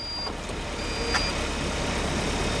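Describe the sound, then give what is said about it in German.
An autonomous test car packed with electronics and roof sensors drives off by itself on a Berlin street, under Level-4 conditions, with steady engine and road rumble, while a thin, high electronic beep tone sounds on and off above the noise. No one speaks. “Die Türen schließen sich, alle schnallen sich an und das Auto, vollgepackt mit Elektronik und Sensoren auf dem Dach, fährt von alleine los.”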